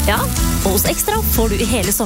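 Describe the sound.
Steady crackling sizzle, like meat cooking on a grill, runs continuously beneath a man speaking throughout, the hiss fairly loud and unbroken for the whole two seconds.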